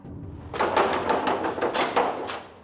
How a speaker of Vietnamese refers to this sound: Nè, anh cô, làm gì mà tôi gõ cửa muốn gãy tay luôn vậy hả?